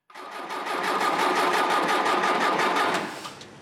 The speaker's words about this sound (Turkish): Dizel almıyor. Dostlarımız 4 saattir 94 beygirlik Perkins 4 silindirli motorun neden bu kadar istikrarlı bir şekilde yakıt almayı reddettiğini bulmaya çalışıyor.